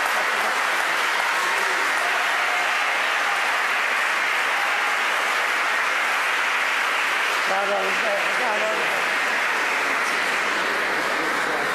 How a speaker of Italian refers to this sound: Un applauso.